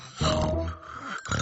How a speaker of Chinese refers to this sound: 小头爸爸，求求你别再打呼噜了。